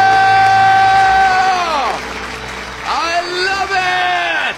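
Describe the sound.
Loud celebratory yelling in two long bursts, a married couple screaming and cheering that they are debt-free, pitch sliding downward at the end of each shout, the second burst slightly softer.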